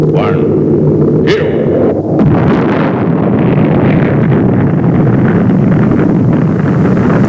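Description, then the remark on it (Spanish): A loud, continuous roar of rocket engines at launch at Cape Canaveral with astronauts aboard, a dense rumbling blast that holds steady for several seconds. A brief tonal sound sits at the very start. “Cabo Cañaveral, todo listo para lanzamiento. Astronautas a bordo de la nave. Motores en marcha.”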